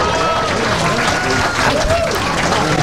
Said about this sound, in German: Zeit für den ersten Applaus.